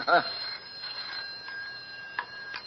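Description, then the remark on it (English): A telephone rings once as a boatman goes into his hut to make a call, a short bright metallic burst that fades into a faint lingering tone, with soft background noise and a couple of small clicks afterward. “He's going into his hut. Who's he ringing, Bishop?”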